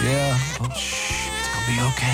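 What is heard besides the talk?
infant crying at night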